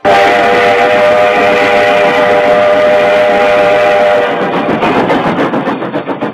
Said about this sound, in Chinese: 1939年，在津浦铁路临城和枣庄支线上，一列日军运送煤炭的火车疾驰而过。